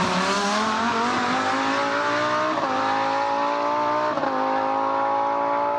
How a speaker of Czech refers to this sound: To bude z nějakých závodů tohle. No jasně, to je závodák. To my poznáme přeci. Pozor, 3, 2, 1. Formule 1.